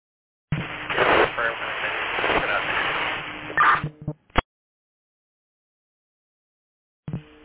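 A burst of crackling radio static on a fire dispatch channel fills about three seconds, thin and band-limited, then cuts out with a couple of sharp clicks before a brief squelch at the end.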